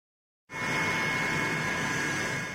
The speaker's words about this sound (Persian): فرود هواپیمای پوتین در بیجینگ، جایی که این روزها فقط یک پایتخت نیست، ایستگاه است که قدرت‌های جهان یکی پس از دیگری در آن توقف می‌کنند.